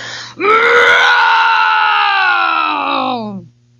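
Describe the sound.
A person imitates a bear's growl, voicing the Papa Bear in the Goldilocks tale: one loud, drawn-out, rumbling vocal groan lasting about three seconds, held steady and then sliding lower as it fades out, heard alone.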